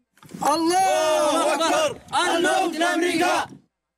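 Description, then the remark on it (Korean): A group of rifle-carrying men cheer and shout together on the wreckage of a fighter jet bearing Saudi markings, in two loud, sustained bursts, their voices rising in a rough, chant-like battle cry with a brief pause between. “소총을 치켜든 남성들은 사우디의 표식이 새겨진 전투기 잔해 위에서 환호성을 내지릅니다.”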